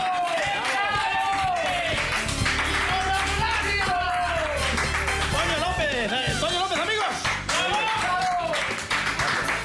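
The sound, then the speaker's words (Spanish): A small group applauds steadily with a dense patter of claps, welcoming a guest arriving at a show, while voices cheer and call out over it, filling the whole stretch without a pause. “Por lo que sexa, amigos e amigas, recibimos cun fortísimo aplauso, no como que non,”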